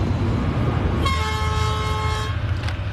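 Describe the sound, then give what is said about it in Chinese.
A train departing a railway station rumbles steadily while a single long, harmonic horn blast sounds for over a second, then fades as the heavy rolling noise continues. “至此，这个火车站就空了啊。”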